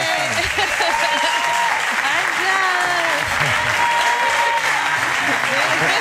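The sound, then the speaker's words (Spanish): A crowd bursts into steady, sustained applause for Ángels Barceló, dense clapping lasting several seconds, with voices faintly audible beneath the ovation. “Tenemos esta artista que nos acompaña, esta catedral, y Ángels Barceló, por favor, denle un aplauso nuevamente.”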